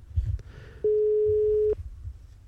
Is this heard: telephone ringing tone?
yes